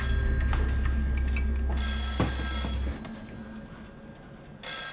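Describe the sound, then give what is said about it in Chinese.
A telephone bell rings in two bright, insistent bursts separated by a pause, fairly loud, over a low rumbling hum with no voices. “电话拿过来。”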